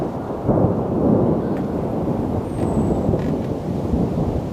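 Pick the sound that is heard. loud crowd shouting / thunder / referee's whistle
thunder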